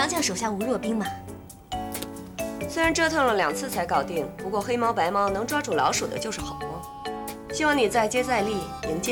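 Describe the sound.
Glasses clink together in a toast, bright ringing chinks heard briefly beneath steady talking voices and a busy background.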